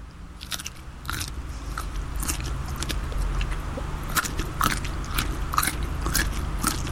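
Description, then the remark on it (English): Crunchy chewing as a person eats a food with the mouth open, a steady run of crisp, crackly bites and wet mastication sounds repeating irregularly over several seconds, with no talking. “There's a bit of crunch.”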